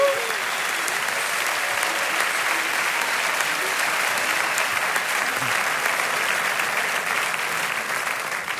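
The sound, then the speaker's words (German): A large audience gives a huge round of applause to radio prize winners, clapping steadily for several seconds in a dense, continuous wash that stays loud and even throughout, with no speech over it. “Dann kriegt ihr jetzt auch nochmal einen Riesenapplaus.”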